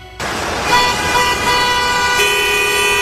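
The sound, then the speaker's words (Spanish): Several car horns blare at once in saturated, congested traffic, overlapping sustained honks with a steady roar of vehicles underneath, loud, continuing without pause. “El tránsito saturado.”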